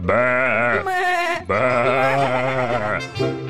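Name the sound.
sheep bleating and stamping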